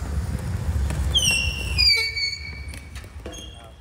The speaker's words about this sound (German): Und wir durften jetzt mal beim Training mit dabei sein. Mit quietschenden Reifen fahren die Spieler mit den elektrischen Rollstühlen über das Spielfeld.